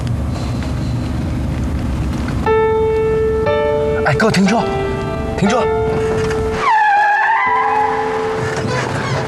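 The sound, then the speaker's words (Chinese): A car rumbles along steadily, then its brakes squeal in a long, loud, high-pitched whine that wavers and sweeps upward as the driver stops the car on request. “哥，停车！停车！”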